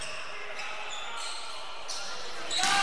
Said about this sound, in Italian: deve palleggiare.